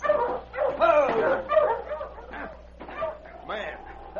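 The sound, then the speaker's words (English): A dog on a trail lets out a quick series of sharp barks and yips, then settles into a drawn-out, high whimper toward the end. “Man and a dog.”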